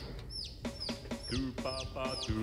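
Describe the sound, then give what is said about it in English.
Chickens cluck in a steady series of short, repeated calls over about two seconds, moderately loud, with sharp higher-pitched chirps mixed in and no talking. “They love to come on air again. Yes, and we have the chicken.”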